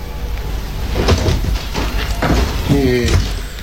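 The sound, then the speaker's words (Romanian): A house door is pushed open with a few wooden knocks and clunks, then a short creaking squeal of the hinges near the end as a tired father enters, fairly loud over a dull background. “Când răsturnă mămăliga, taică s-o intră pe ușă obosit.”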